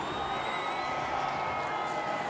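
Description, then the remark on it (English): A crowd applauds and cheers steadily for a contestant at a competition before the judges' and audience's votes for the final, a dense wash of clapping with whoops and shouts layered on top, holding at an even, fairly loud level throughout the couple of seconds. “One more time, round of applause for King Kruger.”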